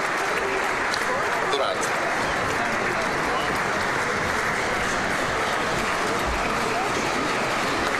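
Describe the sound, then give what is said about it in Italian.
An audience in Loreto applauds loudly and steadily, a dense wash of clapping that holds at full strength for the whole eight seconds, with a few voices blurred into the noise. “Eccolo qui l'applauso del pubblico intervenuto di Loreto, forte e generoso come al solito.”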